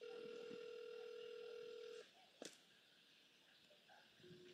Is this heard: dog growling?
no